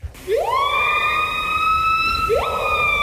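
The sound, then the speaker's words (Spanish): A loud, siren-like bird call: a tone sweeps steeply upward and holds as a long, steady wail, then a second upward sweep follows near the end, with no voices. “Uno de los dos es un pájaro. El primero.”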